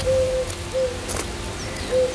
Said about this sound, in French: On est accueilli par le chant de la Vézère, par les oiseaux. On a la tourterelle